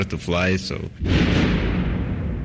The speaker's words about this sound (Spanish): Son las 2:15 de la mañana. Las primeras explosiones resuenan sobre Kiev. Varias oleadas de misiles se suceden hasta el amanecer.